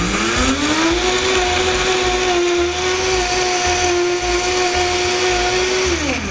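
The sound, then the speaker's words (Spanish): A blender motor whirs steadily at high speed, grinding dry cookies into crumbs, with a constant rough rattle underneath; the pitch rises at the start and drops off as it stops. No one speaks. “Y ya no se escucha que se está forzando el motor de la licuadora.”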